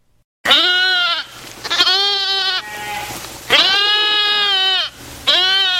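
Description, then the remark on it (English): Goats and sheep grazing where a sprawling city once stood bleat loudly, four long, wavering cries following one another with short pauses between, with no voices present. “Today, goats and sheep graze over the spot where a sprawling city once existed.”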